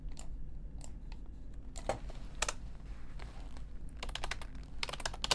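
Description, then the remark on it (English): Crisp computer mouse clicks, scattered and irregular at first, then a quick run of rapid clicks near the end, over a low steady background hum with no talking. “The next ASMR you will hear is some mouse clicks.”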